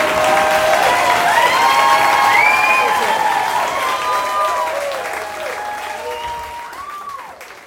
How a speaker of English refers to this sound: Keep it going! Woo! Oh, thank you. Thank you. You're still clapping? Okay.